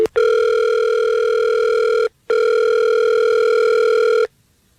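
An outgoing call placed from the Fred Show, a morning radio show, rings: two long, steady ringback tones about two seconds each, separated by a short pause, loud and clear with no one talking.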